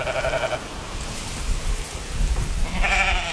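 Sheep bleating twice on the Faroe Islands in the North Atlantic, one call at the start and another near the end, over a steady outdoor wash of wind or rain. No voices are present.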